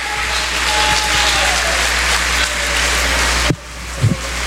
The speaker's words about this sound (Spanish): Dele fuerte palmas al Rey eterno.